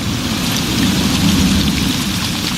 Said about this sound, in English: The rain in that scene is pretty fitting with the weather that we've been having.